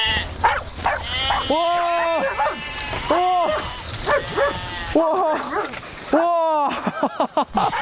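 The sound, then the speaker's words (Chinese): A sheepdog named Jiji barks repeatedly while herding a flock of goats, which bleat loudly, their drawn-out, quavering cries overlapping the sharp barks in a lively, noisy outdoor scene. “哇，这牧羊犬果然名不虚传哇！”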